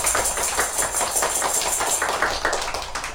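A group claps steadily, a dense patter of many hands at an even loudness that keeps going for the whole few seconds with no one speaking.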